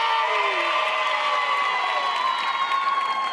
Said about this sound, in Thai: ขอเสียงปรบมือให้กับคุณนาตาเลียเพลียแคน